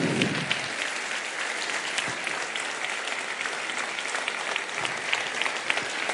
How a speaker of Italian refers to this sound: Facciamo veramente un grande applauso, ci alziamo tutti in piedi. Per il senatore Mario Monti.